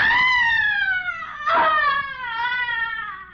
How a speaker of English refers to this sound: A young man has just entered the darkened interior, and as he moves across the room, he hears a sudden, blood-curdling shriek of frustration and anguish coming from another part of the house.